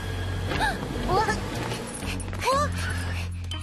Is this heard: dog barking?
yes